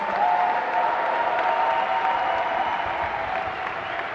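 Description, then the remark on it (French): Sustained applause from an audience for the high-school student movement, a dense steady patter of many hands clapping at an even loudness throughout, with faint crowd noise underneath and no clear speech. “Et d'ailleurs, je pense qu'on peut applaudir et avoir une pensée très chaleureuse pour le mouvement lycéen.”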